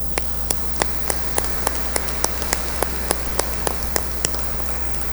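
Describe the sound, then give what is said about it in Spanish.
Congregation applause at a Sunday Eucharist celebration, given for a birthday: a steady run of sharp, evenly spaced claps, about three per second, over a constant low hum, with no one talking. “Démosle un aplauso a ellas.”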